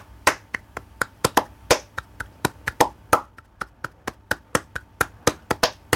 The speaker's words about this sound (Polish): No i to jest bulerias właśnie. No we flamenco także naszym instrumentem będą dłonie, czyli palmas. Las Palmas. Taki... Tak. Tak. I właśnie Palmas, palmiści to są ci muzycy, którzy wykorzystują dłonie jako instrument.